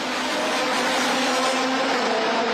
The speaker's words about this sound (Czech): Od časného rána zní centrem města dunění nejsilnějších závodních motorů.